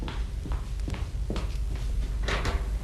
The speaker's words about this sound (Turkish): Aa, kapı mı o